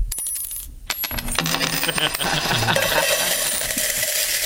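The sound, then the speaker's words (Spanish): Coins drop in a steady, continuous trickle, a dense stream of bright metallic clinks and jingles that stays fairly loud throughout, with no voices. “Es un goteo constante, te sablean por todo.”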